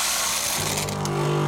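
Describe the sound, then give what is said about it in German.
Coffee beans rush and rattle as they are poured in to refill a coffee machine, and a steady mechanical hum joins in partway through. The sound is moderately loud, with no voices. “Kaffeebohnen nachfüllen.”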